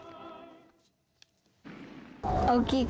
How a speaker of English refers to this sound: Around 2,300 fireworks were set off in tribute to athletes who delivered impressive performances in sporting events this year, including the Winter Olympics and the Men's Soccer World Cup.